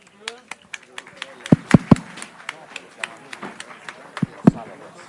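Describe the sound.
Scattered applause from an audience, with sharp individual claps popping irregularly over a murmur of voices and a few heavier thumps mixed in.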